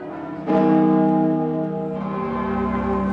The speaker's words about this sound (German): Am Vormittag landet der Papst am Flughafen Orly und wird von Präsident Macron mit allen Ehren empfangen. Zu seiner Ankunft läuten die Glocken in Paris und im ganzen Land für 7 Minuten.